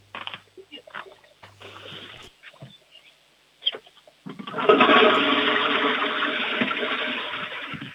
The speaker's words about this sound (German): Das ist, glaube ich, jetzt eine der lautesten Klospülungen gewesen, die ich jemals hier in der Sendung hatte.